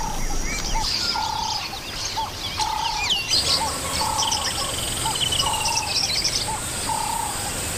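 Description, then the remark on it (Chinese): A flock of Lilian's lovebirds (Nyasa lovebirds) chirps continuously while searching sticky mud for stuck plant seeds, with many short, high-pitched tweets overlapping at a busy, uneven pace and fairly steady loudness. No one speaks. “尼亚萨湖牡丹鹦鹉在粘稠的泥土里寻找被粘住的植物种子”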